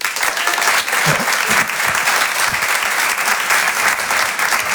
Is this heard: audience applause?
yes